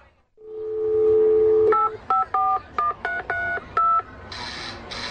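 A steady dial tone hums briefly, then a quick series of about seven touch-tone telephone beeps as a number is dialed, ending in a short, brighter electronic burst. No one speaks.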